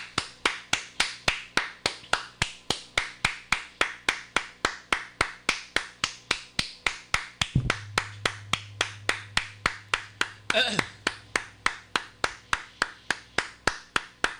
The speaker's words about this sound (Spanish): Y a Melvin Martínez, aplauso para él.